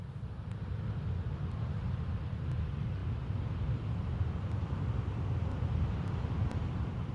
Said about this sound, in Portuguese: Então vamos lá ver, a Tal também nos trouxe o Mar das Bicas. Aliás, eu com a Tal tive uma aventura para tentarmos gravar o som do Mar das Bicas.